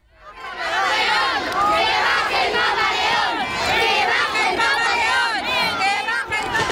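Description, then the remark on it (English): A large crowd cheers and shouts loudly and continuously at the Sagrada Familia basilica in Barcelona, where Pope Leo XIV is blessing the church. Many voices overlap in a sustained roar of excited calls that rises quickly at the start and holds steady throughout. “You can hear some of the cheers there.”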